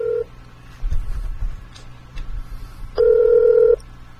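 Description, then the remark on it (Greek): A phone line rings out as a live show host calls a listener to put him on the air: a short steady electronic tone at the start, then a longer ring burst near the end, with some soft clatter and background noise between, no voices. “Για να τον πάω τηλέφωνο.”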